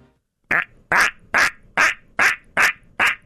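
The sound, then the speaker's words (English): A person imitates a duck with seven loud, nasal quacking calls in a steady rhythm, each short and harsh, with brief gaps between them. “A little more duckish, but yeah.”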